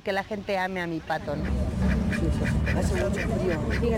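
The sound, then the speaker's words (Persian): A few quick, nasal, harmonic quacks at the start from Merlin, a duck that became the unofficial mascot of the World Cup, then a steady crowd-like murmur of background noise fills the rest. “راستش را بگم، ما از چنین موقعیت بسیار خوشحالیم و مهمتر از همه این که مردم مرغابی من را دوست دارند.”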